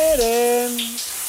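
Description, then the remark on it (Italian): Steady hissing spray of a running shower fills the background while a voice sings a single sustained, slightly bending note. “Le canzoni sotto la doccia.”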